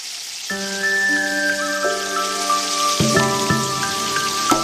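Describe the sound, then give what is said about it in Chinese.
Raw stinky tofu blocks sizzle steadily as they are slid into hot frying oil, a dense crackling hiss that runs the whole time, with sustained musical notes playing underneath and shifting chords partway through. “起锅烧油，放入豆腐坯，滑入滚烫热油，被滋滋的油泡瞬间包裹住。”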